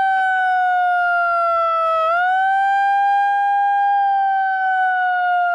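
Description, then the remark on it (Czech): A small portable hand siren, used by a protester trying to disrupt an opening ceremony, wails loudly and steadily, its shrill tone dipping briefly in pitch midway before climbing back and holding, with faint background noise. “Jeden z protestujících se pak snaží znemožnit zahajovací ceremoniál s malou přenosnou sirénou.”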